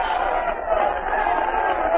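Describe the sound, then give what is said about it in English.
A large crowd of racetrack fans, as a horse race is about to start, roars and yells in a dense, continuous wash of voices, holding steady and loud for the full two seconds with no single speaker standing out. “The fans are yelling themselves hoarse.”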